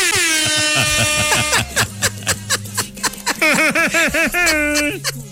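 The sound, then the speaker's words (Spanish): A loud, buzzy school recess bell rings in one steady blare, then breaks into choppy, warbling bursts mixed with snickering, laughter-like sounds. “es el timbre, güey. El timbre del receso.”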